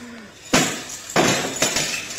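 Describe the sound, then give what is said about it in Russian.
An object shatters into shards in three loud crashes, each a sharp burst of breaking pieces trailing off in scattered tinkling before the next smash. “Вот ее осколки.”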